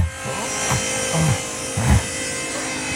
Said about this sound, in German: Ich habe eine einfache Fichtenpaneele dritter Wahl gekauft. Die säge ich jetzt mal eben zurecht.